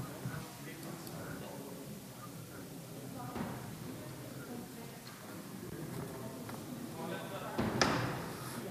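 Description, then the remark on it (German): A door thuds shut near the end as a man steps out of the room during a meeting, a single muffled slam over a low murmur of people talking quietly, with faint shuffling and knocks throughout. “geht also kurz vor die Tür.”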